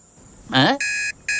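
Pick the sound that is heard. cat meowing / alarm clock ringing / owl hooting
alarm clock ringing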